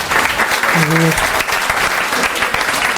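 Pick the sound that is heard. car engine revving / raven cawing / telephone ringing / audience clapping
audience clapping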